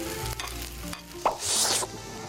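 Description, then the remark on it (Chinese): Hot oil sizzles and crackles steadily in a pan as a dish is stir-fried to drive off its moisture, with a sharp pop near the middle and a louder surge of hissing bubbles before it settles back to a constant fry. No one speaks. “主要是把水气要蒸发干， 再把那油这个水气要给它弹干一下。”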